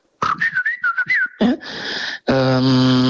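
A person whistles an imitation of blackbird song: a quick warbling run of fluting, rising and falling notes, then a breathy hiss and a loud, steady buzzy tone.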